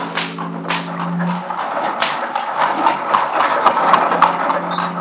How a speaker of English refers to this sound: In the courtyard and down the rocky way, the roll of heavy wheels, the crack of whips.